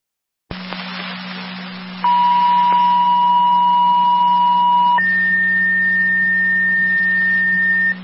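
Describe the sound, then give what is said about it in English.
Dispatch pager alert tones for Wilson, calling for a boat driver for a boat distress call, over a steady radio hum: a long, pure mid-pitched tone holds for about three seconds, then jumps straight to a higher tone that sounds for nearly three more. “Wilson, additional tones, boat driver needed at all.”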